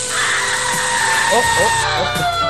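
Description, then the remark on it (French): A microwave oven hums steadily once switched on, a loud, even electric drone with a high whine running throughout, while a voice briefly sounds over it near the end. “Excusez-moi, j'ai dû me tromper, ça c'est le micro-ondes.”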